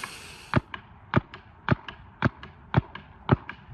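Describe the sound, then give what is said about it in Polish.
Sharp paintball marker shots fire at a steady pace, about six loud pops roughly half a second apart, each followed by a quicker, softer pop. No one speaks. “Te dźwięki to strzały z karabinu paintballowego.”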